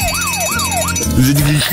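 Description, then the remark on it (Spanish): A loud, shrill electronic intruder alarm from the Backdoor Buddy (Sodomigo) device by Juancom Industries wails in rapid up-and-down sweeps, three cycles, then shifts to lower, steadier buzzing tones that step up and down. “After installation, unwanted intruders are greeted by an ear-piercing alarm.”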